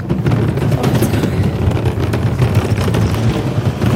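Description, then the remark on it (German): A car sets off toward Arbon at quarter past two, heard as a steady, loud low rumble of engine and road noise that fills the whole stretch without pause, with no voices. “Es ist Viertel ab zwei, wir fahren los Richtung Arbon.”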